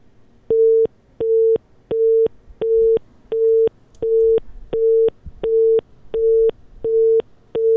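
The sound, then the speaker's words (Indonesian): A telephone busy tone after a phone call drops: eleven steady, evenly spaced beeps at a single mid pitch, each about a third of a second long with equal silences between, clear and fairly loud with no voices. “Kami mohon maaf sekali pendengar, terputus kembali telepon kami dengan Pak Edi Suparno.”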